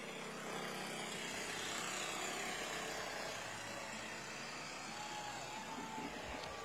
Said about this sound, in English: And there's another very familiar scene vehicle that the Shriners use, those old classic cars like that.